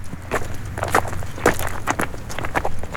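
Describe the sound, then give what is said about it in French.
Footsteps crunch over loose black pebbles in a steady, slightly uneven stride, each step a gritty rattle of stones over a low continuous rumble. No one speaks. “En marchant sur des galets noirs, ils admirent le beau palais qui se trouve au sommet, entouré d'une impressionnante muraille.”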